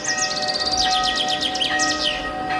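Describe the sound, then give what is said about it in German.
Bells ring with a steady, sustained tone beneath lively birdsong, as several birds chirp and trill in quick bursts throughout. No one speaks. “Zum Beispiel, dass es schön ist, im warmen Gras zu liegen, in die Sonne zu blinzeln, sich anzudösen und den Glocken zuzuhören.”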